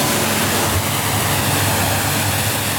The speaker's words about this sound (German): Sagt der Werftsbesitzer zu Wallenstadt und spritzt gerade das nächste Motorboot ab.